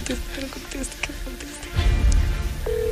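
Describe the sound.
A steady, flat ringback tone of an outgoing phone call starts near the end, clear and fairly loud, after brief voices and a burst of low rumbling handling noise.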